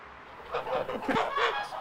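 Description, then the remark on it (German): Chickens of old, endangered breeds kept by a breeder clucking, a cluster of overlapping, throaty calls that start after a brief quiet moment and continue in uneven bursts to the end. “züchtet alte, vom Aussterben bedrohte Gänse und Hühnerrassen.”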